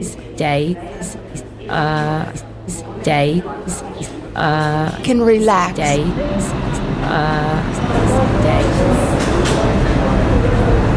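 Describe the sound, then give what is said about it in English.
A voice speaks over a low station hum, then a broad rumbling roar swells and holds steady as an uptown local 1 subway train approaches the 242nd Street station. “There is an uptown local 1 train 2 in Woodland Park, 242nd Street, approaching the station.”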